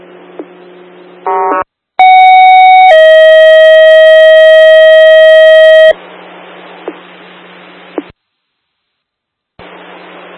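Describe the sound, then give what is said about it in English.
Loud two-part dispatch pager alert tones, a second page for Morristown Rescue calling for medical to respond: a short steady tone followed by a longer held tone, each strong with harmonics, breaking through a hissy radio channel with a brief static burst just before. “Morristown Rescue, second page, still need medical to respond to your building.”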